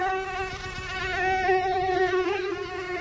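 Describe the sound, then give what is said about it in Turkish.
A mosquito whines steadily close to the ear in summer in Germany, its high thin buzz holding a constant pitch with slight wavering for a few seconds, no voices present. “Yazın kulağımızın dibinde vızır vızır gezen sinekler.”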